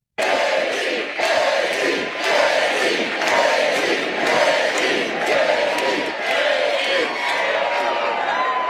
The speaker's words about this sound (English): I gotta say, it's pretty cool to hear a crowd that is this fired up chant your name. So go ahead and do it again.